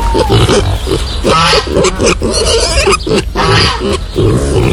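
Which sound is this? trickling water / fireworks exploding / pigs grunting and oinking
pigs grunting and oinking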